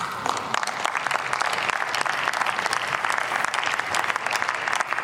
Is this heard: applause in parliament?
yes